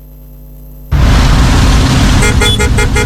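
A low engine hum gives way abruptly to loud, dense road noise, with car horns honking through the din near the end, like a busy traffic jam.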